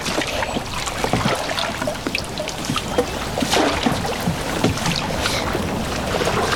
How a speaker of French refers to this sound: Tu vas à l'arrière et tu pousses l'arrière du bateau vers... Pousse. Vas-y.